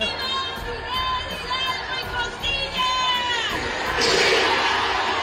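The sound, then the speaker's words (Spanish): A crowd shouts "viva" and cheers in overlapping voices, then a louder, denser wall of recorded crowd noise swells up from behind and carries on to the end. “Si oíste ahí el se escucha primero la gente el viva y luego se escucha atrás bien fuerte el grabado.”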